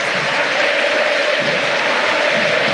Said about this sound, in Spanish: Ovación para el capitán. Se va a Paredes, ingresa el 15, Williams Alarcón.